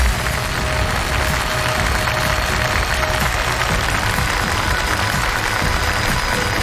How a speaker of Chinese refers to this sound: 再次用热情的掌声欢迎来到现场的百人团选手。